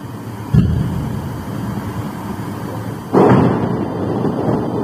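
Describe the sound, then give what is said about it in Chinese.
Two heavy booms from Russian missile and drone strikes on Kyiv, Ukraine, in the early hours of a Monday, one near the start and a louder one about three seconds later, each a sudden low thud that rolls out over a constant rumbling background with no voices. “乌克兰首都几乎多处地方在当地星期一凌晨遇袭爆炸。”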